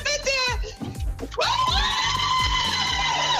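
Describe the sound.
Colleagues of a radio quiz winner from Rastow cheer loudly as she wins the 1550-euro jackpot, with high-pitched shrieks and whoops, the excited voices swelling midway and staying loud throughout, over a steady thumping beat.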